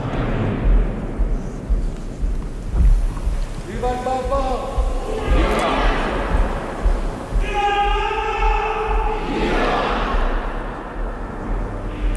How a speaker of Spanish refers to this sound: La espontaneidad que se escucha en este momento. Son otros momento. Cantos, ¿no? Sí. Y ahora los aplausos, la ovación de las personas que están allí congregadas.